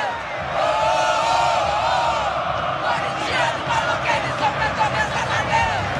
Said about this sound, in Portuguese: Assim que terminou o jogo, o árbitro apitou o final da partida, a torcida começou a cantar e não para, ó.